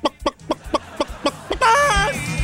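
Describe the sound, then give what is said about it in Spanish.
A person imitates a clucking hen: about nine quick, evenly spaced clucks, then a long, wavering, drawn-out squawk. Fairly loud, with no talking. “Dice, que le mandes un beso de gallina.”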